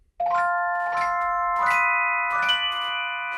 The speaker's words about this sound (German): zur Celesta. Das ist eine Art Glockenspiel, schaut aber aus wie ein Mini-Pianino. Weil es genau das ist. Es ist eine Kombination aus Glockenspiel und Pianino. Und klingt halt nicht nach Klavier, sondern klingt so.